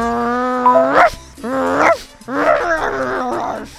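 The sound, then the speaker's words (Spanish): Two small dogs give a few high, whiny yips and barks, three or four bursts in quick succession, fairly loud with no talking. “de parte de la perrita número 3 y número 2.”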